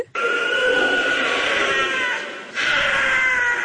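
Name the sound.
wild cat scream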